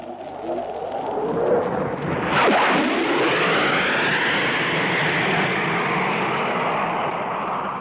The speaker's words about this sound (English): Here he comes. Here comes Neville Duke streaming in the Hawker Hunter after giving us that admirable double bang. Neville Duke in the Hawker Hunter.